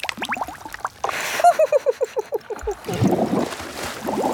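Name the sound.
bubbles blown in water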